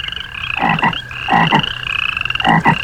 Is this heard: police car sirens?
no